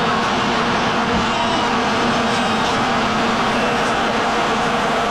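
A steady, buzzing drone of many vuvuzela horns blaring together, loud and continuous for the whole stretch, with a thick crowd-like wash and no clear pauses or speech.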